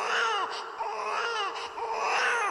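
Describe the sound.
A person imitates crying with loud wailing sobs that rise and fall in repeated drawn-out bursts, sounding much like an infant's cry, with no other talk.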